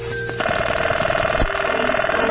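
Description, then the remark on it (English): An old-fashioned 1970s telephone bell rings loudly, its clapper hammering in a rapid, continuous metallic trill for about two seconds after a brief quiet start. “Here's a collection of telephone sounds of the 1970s.”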